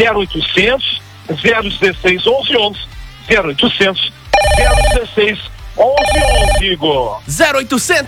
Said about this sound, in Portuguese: tá tocando o telefone, ligue agora